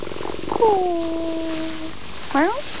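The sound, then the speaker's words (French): A cat under a cherry tree in blossom lets out a long, drawn-out meow, then after a brief pause gives a short rising chirp. A soft purring rumble sits underneath at the start. “Un chat sous le cerisier en fleurs.”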